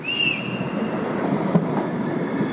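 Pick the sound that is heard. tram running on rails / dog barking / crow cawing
tram running on rails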